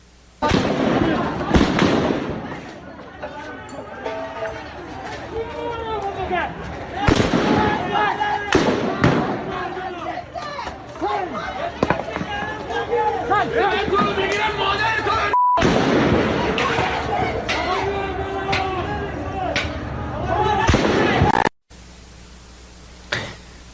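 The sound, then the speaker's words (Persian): Sharp gunshots crack out irregularly, some in quick bursts, fired by security forces at protesters in the city of Rasht during the 18 Dey killings, over a noisy outdoor crowd with people shouting and talking throughout; the shots are loud. “تصاویر رسیده به کارزار کشف حقیقت از کشتار 18 دی در شهر رشت هم شلیک ماموران سرکوب به معترضان را نشان می‌دهد.”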